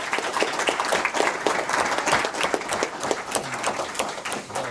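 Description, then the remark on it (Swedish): An audience applauds steadily as chocolate is handed out to participants, a dense wash of many hands clapping at once with sharp individual claps poking through, holding at a fairly loud, even level throughout. “Kom här nu ska vi dela ut lite choklad, och ska de få en jättestor applåd.”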